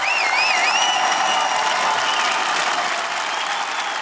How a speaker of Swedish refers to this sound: Jubel bland invånarna nu på eftermiddagen som samlats utanför parlamentet när Peter Madjar sågs in som premiärminister för en liten stund sedan.